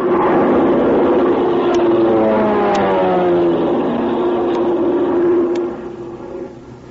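airplane engine droning overhead

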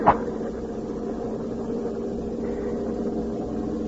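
armored truck driving

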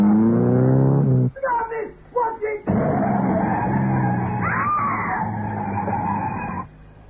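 screech of car brakes

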